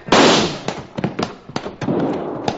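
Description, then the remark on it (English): A loud gunshot bursts out, followed by a rapid string of sharp cracks and pops at uneven intervals, each with a quick fading tail. “Don't let him fire at Cherokee.”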